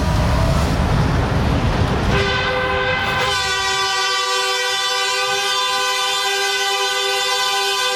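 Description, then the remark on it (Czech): A loud, sustained train horn blares for several seconds after rumbling rail noise, its steady harmonic tone ringing out with no talking. “No, snad vás to probudilo, tohle houknutí.”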